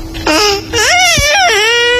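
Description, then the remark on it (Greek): A high, sing-song voice babbles in baby talk, a few drawn-out cooing syllables with rising and falling pitch, fairly loud: an adult imitating an infant's babbling while sending New Year wishes. “πρέπει να στείλουμε κάτι ευχές, αλλά πρέπει να τα πεις και στα μορουδίστικα, μήπως ακούει κάποιο μωρό.”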